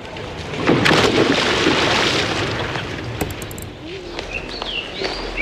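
Outdoor swimming pool ambience: a steady wash of splashing, churning water fills the scene, with a few bright bird chirps rising over it toward the end.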